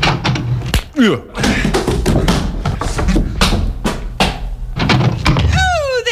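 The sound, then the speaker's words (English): Several heavy, irregular thuds as a shoulder is placed against the door of a shack on the outskirts of Midland City, loud, interspersed with excited voices and sliding vocal whoops between the impacts. “Well, now I usually place my shoulder against the door thusly and announce myself.”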